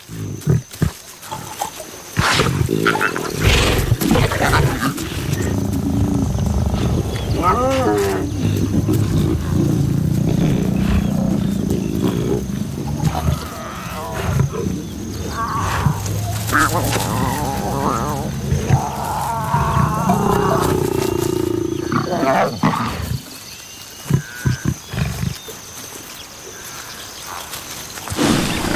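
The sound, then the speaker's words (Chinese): Lions of a pride, the lion Kale and cubs feeding together, growl and snarl over a meal, a continuous stretch of deep, rumbling grunts and rasping snarls that rise and fall in bursts, fairly loud, with no talking. “卡勒允许幼崽和自己一起进食，不过幼崽迟早要学会遵守狮群中的等级秩序。”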